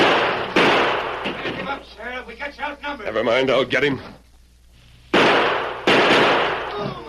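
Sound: gunfire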